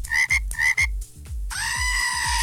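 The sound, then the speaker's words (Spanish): A frog croaks loudly and repeatedly in quick rhythmic pulses, then the croaking continues under a sustained bright, harsh tone that comes in halfway through. No one speaks. “Que lo amo mucho y manden una chiva loca y una rana.”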